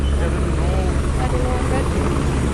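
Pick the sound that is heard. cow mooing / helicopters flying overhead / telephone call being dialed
helicopters flying overhead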